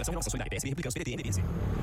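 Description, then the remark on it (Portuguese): A motorcycle engine rumbles past beneath continuous talking, its low drone steady for the whole two seconds and partly masked by the voices. “Amor, ouviu essa moto?”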